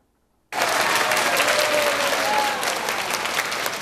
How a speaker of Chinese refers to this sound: 听众热情拍手欢迎讲师进场，期待讲师带来的精彩内容。